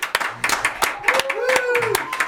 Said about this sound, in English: I'm going to ask the engineers to do the usual. Open Studio One's door and lend a round of applause.